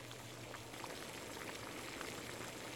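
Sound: water boiling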